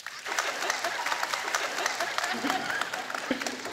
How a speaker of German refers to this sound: Jetzt alle Bräute, die sagen, ne, das ist doch der Tag der Tage. Nee, ich brauche mein Kleid und das muss neu sein. Ich möchte genau das Kleid haben. Bitte jetzt klatschen.